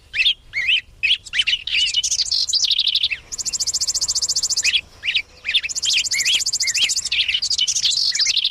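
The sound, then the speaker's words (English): Lively spring chorus of migrant songbirds with rapid, overlapping chirps and whistled phrases, plus bursts of fast buzzy trills, sung loud with no pauses and no voices present. “Across the whole of April, week after week, new songbird migrants work north from the tropics, adding bit by bit to spring's ever-growing soundtrack.”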